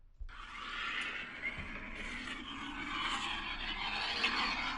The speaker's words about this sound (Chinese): 这不是飞机起飞吗？哎，这不是飞机，这不是飞机起飞啊？ 不是，这不是他在车里录的吗？ 啥声儿？听没有？ 哎，这是在车里录的哈？